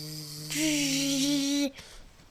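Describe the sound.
A voice imitates a mosquito with a steady, high-pitched buzzing hum lasting over a second, then stops abruptly and leaves faint background noise.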